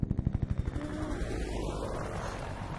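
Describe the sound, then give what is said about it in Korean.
A helicopter's rotor chops in a quick, steady run of low thumps that blend into a continuous whirring roar, fairly quiet with no voices. “아, 헬리콥터 소리.”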